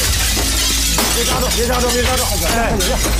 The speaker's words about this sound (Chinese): 别费这劲了，把这玻璃给它敲上。 我可砸了呢啊！